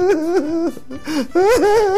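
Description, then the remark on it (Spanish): A voice imitates a child crying, with wavering, sobbing wails in two bursts separated by a short catch of breath, loud, with no other sounds. “Y sale una señora y le dice: ¿y tú por qué estás llorando?”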